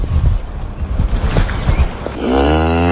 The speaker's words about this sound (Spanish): Sí, son vacas, nada menos que 27. Llevan demasiado tiempo campando a sus anchas por la aldea.